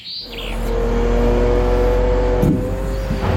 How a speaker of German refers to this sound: Die Laster stehen immer wieder Schlange auf dem Rundholzplatz der Firma Rettenmeier in Wilburgstetten. Die Kräne entladen die Anhänger und füttern die Bänder des Sägewerks, teilweise in 2 Schichten pro Tag.